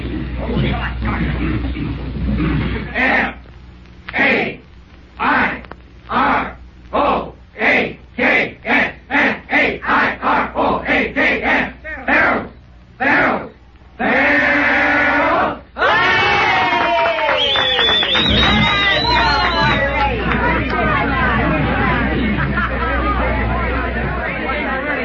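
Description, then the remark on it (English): A group shouts a Fair Oaks locomotive school cheer in unison, led by one person to end a celebration: chanted bursts start slow and quicken steadily, then break into a loud, sustained crowd yell and cheering. “to end our celebration, I'm going to ask … to lead us in a Fair Oaks yell”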